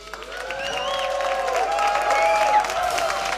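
An audience applauds in a dense, steady wash of clapping that holds for several seconds, with scattered cheers and shouting voices rising over it.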